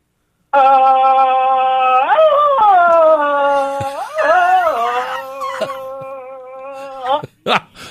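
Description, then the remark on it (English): A man's voice, a caller phoning in to a morning radio show, imitates a deep Tarzan-style jungle yell: one long sustained call with wavering, yodel-like pitch breaks, loud throughout, ending in a couple of short bursts. “The deep Tarzan.”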